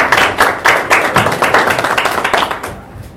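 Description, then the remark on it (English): An audience at Aga Khan University applauds to welcome a professor, a dense, steady patter of many hands clapping, fairly loud and without voices, thinning and fading out toward the end. “Please, let's put our hands together and introduce Professor Nancy Muka to tell us why we're here and start us. Please, applause.”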